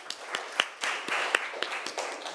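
A class of people clapping together, a burst of quick, overlapping hand claps with sharp irregular slaps standing out from the steady patter. Moderately loud, with no talking over it.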